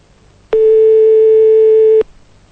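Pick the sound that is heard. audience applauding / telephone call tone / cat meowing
telephone call tone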